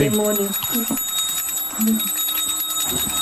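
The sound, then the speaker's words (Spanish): A small bell rung during a ritual with salt and alcohol performed by paranormal experts rings continuously in rapid, high-pitched strokes for several seconds, its bright metallic tones steady and fairly loud, while voices speak faintly underneath. “Joder, la campana, ante cómo molesta.”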